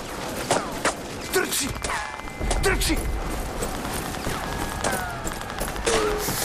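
Rapid gunfire crackles throughout in sharp, irregular bursts, while several thin, high whistles of passing bullets sweep and bend in pitch over a rumbling, chaotic background.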